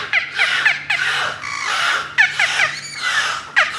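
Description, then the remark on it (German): A beluga whale's high squeals and chirps in repeated bursts, with descending whistles and buzzy tones, clear with no talking. “Das ist keine Möwe. Nö, das ist ein Beluga-Wal.”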